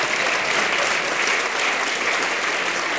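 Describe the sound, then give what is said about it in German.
Steady applause from an audience in Meran, the first applause of the evening, a dense wash of clapping hands that holds at an even, fairly loud level throughout without any voices standing out. “Ah ja, das war der erste Applaus des Abends, okay, das hat aber heute...”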